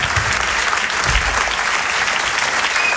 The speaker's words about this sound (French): On peut les applaudir très très fort.